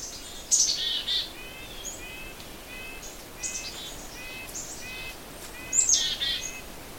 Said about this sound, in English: Ah, there's some nuthatches. Those are red-breasted nuthatches. Nuthatch is just a little bit far away yet. I don't know if it'll come any closer.